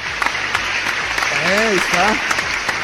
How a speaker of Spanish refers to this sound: Gracias, fuerte el aplauso.